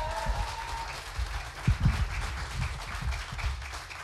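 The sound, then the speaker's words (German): A crowd gives a '10-point applause' for the evening's first contestant, from Kiel, clapping steadily for about four seconds, a dense wash of many hands with a few louder, sharper claps standing out midway. “Und mit einem 10-Punkte-Applaus unsere erste Starterin heute Abend aus Kiel”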